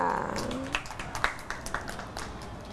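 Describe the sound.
Children clap in a loose, uneven patter of light, quick claps for a child who helped the teacher scoop crab sticks into a cup during a cooking lesson. The claps start just after the woman teacher finishes speaking and carry on softly for a couple of seconds.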